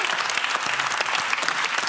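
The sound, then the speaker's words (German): A loud, steady burst of applause from a quiz show audience, clapping for the physicist Planck, dense clapping filling the whole stretch with a faint murmur of voices underneath. “Da solltet ihr alle mal ganz laut klatschen.”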